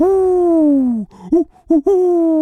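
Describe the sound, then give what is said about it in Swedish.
A person imitates an owl with a long, slightly falling hoot, then a couple of short breathy hoots and another drawn-out one. The voice is loud and alone. “Så där låter inte ugglor. Inte? Nej, så här låter ugglor.”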